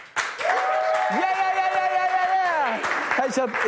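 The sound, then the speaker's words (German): A small studio crew applauds steadily for a few seconds after a live song performance, with sustained whooping cheers rising over the clapping before it fades. “Komm, Crew, können wir noch mal einen fetten Applaus geben?”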